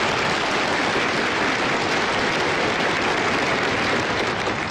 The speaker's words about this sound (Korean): 경례 박수 부탁드립니다.